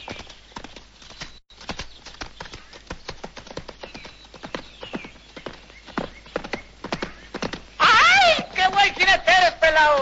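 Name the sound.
horse hooves clip-clopping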